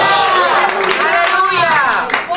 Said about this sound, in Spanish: ¿Cuándo pueden dar gloria a Dios en la tarde de hoy? Dar un aplauso fuerte al Padre, al Hijo y al Espíritu Santo esta tarde.